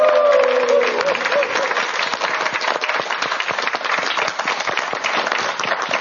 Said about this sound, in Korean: 그럼 다시 한번 큰 박수 부탁드립니다.